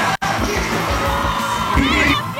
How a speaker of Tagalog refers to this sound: Hiyawan.